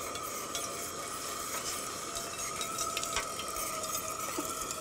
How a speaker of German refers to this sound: Machst du hier mal so viel Wasser rein? Ja, klar. Okay. Also maximal, ne?